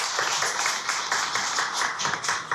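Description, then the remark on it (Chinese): A steady wash of audience applause at a music concert, welcoming the event's organizer to the stage, many hands clapping at once in a dense, crackling roar that holds at an even level throughout, with no voices rising above it. “现在呢，让我们用最热烈的掌声有请这株从空谷中走来的幽兰，有请素雅。”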